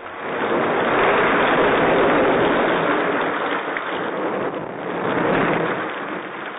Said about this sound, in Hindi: दोस्तों, एक दिन बहुत तेज बारिश हुई।